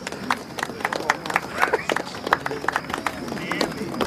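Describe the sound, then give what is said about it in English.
A small group, the Munster family, applauding as a contest winner is announced, with a steady scatter of sharp, irregular claps at moderate volume over a faint crowd murmur, lasting the whole few seconds. “The Munsters applaud and crane their heads round to spot the winners, unaware it's them.”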